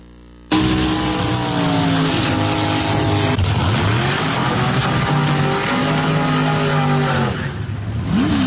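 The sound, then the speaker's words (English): A dragster roars to life on a real drag racing track and accelerates hard at full throttle from the start, its loud engine note climbing through gear changes in a sustained, powerful blast with no talking. “Let me share with you the power of drag racing.”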